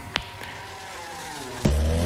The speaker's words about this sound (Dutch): Ronkende motoren, knallende feesten. De TT is in volle gang.